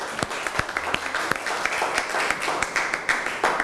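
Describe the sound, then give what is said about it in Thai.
A group of students in a class applauds a student representative who has just presented, producing a steady wash of overlapping hand claps with sharper individual claps popping out irregularly throughout, no talking. “ขอเสียงปรบมือให้ตัวแทนนักเรียนนะคะ”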